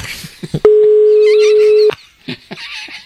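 A telephone dial tone as a radio show places a phone call: one loud, steady, mid-pitched hum holding for just over a second, then cutting off sharply, with faint high chirps before and after it.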